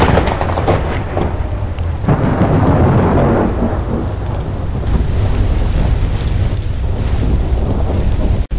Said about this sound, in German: Wie aus dem Nichts brach das Unwetter über die Insel herein. Als die düsteren Mauern des Asyls von Blackwell's Island vor mir aufragten, war ich völlig durchnässt.